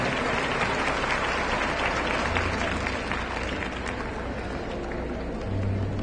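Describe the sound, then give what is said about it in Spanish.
An audience at a women's congress applauds steadily for about six seconds, a dense, even wash of many hands clapping at once with no voices standing out. “Y un aplauso para ustedes también que las trajeron a las nuevas que les compartieron.”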